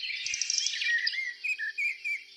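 A common blackbird sings alone, starting with a dense, high twittering burst and then a run of short, clear whistled phrases with brief gaps, moderately loud.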